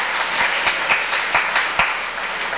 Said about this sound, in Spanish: Bueno, fuimos a traer la imagen, la comunidad Exponá, a … y …, fuertes aplausos a ellos.